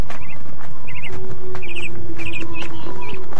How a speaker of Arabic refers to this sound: ويتذكر تلك الأيام وينظر إلى العصافير التي تحط على القصبات وهي تغرد مع صفير الريح.